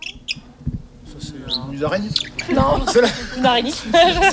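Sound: hawfinch call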